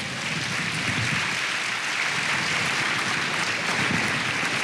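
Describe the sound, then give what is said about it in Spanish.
An audience claps steadily for several seconds, applauding the Lord during a Spanish-language sermon, a dense, even wash of many hands at a sustained loud level, with no one speaking over it. “No sé si lo entiende, hermano, pero si lo entiende, denle un aplauso al Señor.”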